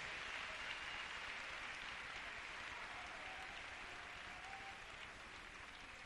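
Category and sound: crowd, audience applauding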